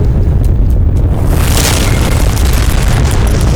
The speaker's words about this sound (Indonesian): Tanah bergetar, gempa, apa yang terjadi?